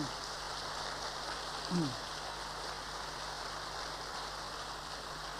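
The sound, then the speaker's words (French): An audience applauds King Baudouin of Belgium in a steady, dense wash of clapping that holds an even level for several seconds, with no pauses and no talking over it. “Applaudissons-le.”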